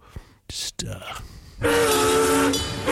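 A few short hissing bursts and clanks give way to a loud, sustained train horn blaring over rushing, roaring noise from the locomotive, dominant through the end.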